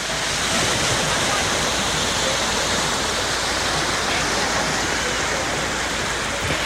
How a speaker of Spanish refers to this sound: Cap a les 9:30 del matí aproximadament, la mar sonava així.